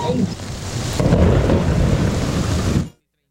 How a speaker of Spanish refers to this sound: Tempestad, tempestad por acá en Sencar, Yumbo. Caen palos, tumba motos, un ventarrón muy fuerte.